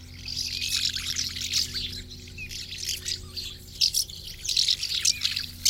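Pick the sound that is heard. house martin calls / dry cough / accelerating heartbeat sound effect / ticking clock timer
house martin calls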